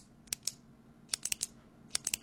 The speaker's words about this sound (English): Maybe it's a clicking pen that you object to.